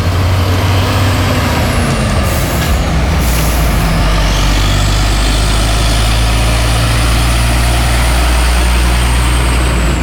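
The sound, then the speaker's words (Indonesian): Cars and trucks heading to Ngantang and to Pujon idle in a line of stopped traffic, taking turns to pass a jam caused by retaining-wall construction at Kedung Rejo, Pujon, Indonesia. A deep steady engine rumble fills the scene, with a brief hiss of air brakes and a rising whine as one truck pulls away. “Nah, ini mobil arah ke Ngantang dan sebaliknya arah ke Pujon bergantian.”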